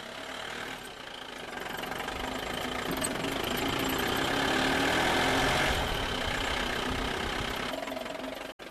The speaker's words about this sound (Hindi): सभी किसान भाई जल्दी से बैठ जाओ, और देखो टीम आने ही वाली है, और वो देखो सामने गाड़ी भी आ रही है।